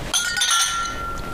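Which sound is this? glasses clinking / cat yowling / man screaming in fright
glasses clinking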